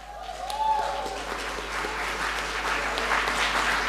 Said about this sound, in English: Please, a round of applause for Joanna.